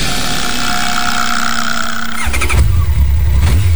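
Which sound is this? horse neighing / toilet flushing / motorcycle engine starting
motorcycle engine starting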